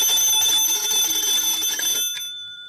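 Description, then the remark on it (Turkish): A telephone rings with a bright, shrill, continuous bell tone for about two seconds, then cuts off and fades out. No one speaks. “Orhan Bey, telefon.”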